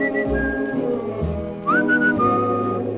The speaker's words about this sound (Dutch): En ik floot.